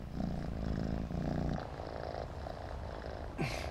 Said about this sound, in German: Hör mal, wie der schnurrt